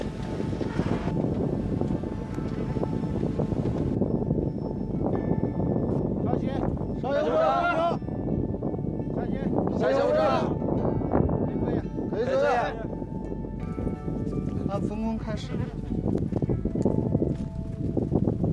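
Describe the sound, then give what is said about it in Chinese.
Howling wind roars steadily at a great height on a bridge as a bridge-inspection team climbs the hundred-step stairway of the bridge safety passage, a constant rushing gust with the team's heavy, hurried breaths and brief voices breaking through every few seconds. “随着高度的上升，耳边只剩呼啸的风声和队员们急促的喘息声。”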